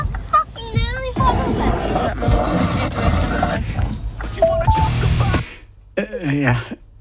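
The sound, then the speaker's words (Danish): Loud, aggressive music with harsh, roaring vocals plays from a Bluetooth speaker in a car over a dense, distorted backing, then cuts off abruptly when the connection is knocked out. After a short pause, a brief voice is heard. “Okay, prøv lige at høre den her sang. Det er sådan en rigtig vred sang, hvis man går og er lidt irriteret på sine søskende.”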